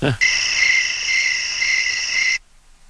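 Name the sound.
cricket chirping sound effect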